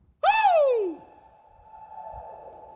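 A single voice-like tone swoops down in pitch, then leaves a thin, steady ringing tail that hangs on faintly, like an echo lingering in a large empty space. No one speaks.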